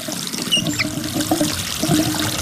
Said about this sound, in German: Völlig richtig. Ein vielleicht etwas älterer, aber zumindest funktionierender Wasserhahn.